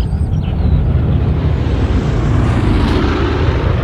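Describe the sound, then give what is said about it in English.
A steady, rumbling roar of an airplane passing overhead, heavy in the low end and holding constant for a few seconds with no voices. “Look, Mummy, there's an airplane up in the sky.”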